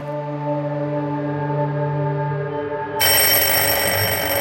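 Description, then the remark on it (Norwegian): A telephone rings loudly and steadily at 3 a.m., a sustained buzzing tone that turns brighter and harsher partway through, heard alone with no voices. It is a call from the Norwegian foreign ministry waking the foreign minister in January 1940. “Men klokken 3 på natten skar en ringelyd gjennom mørket og vekte ham. Det var en telefon fra utenriksdepartementet.”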